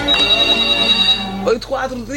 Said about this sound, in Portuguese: o telefone já toca.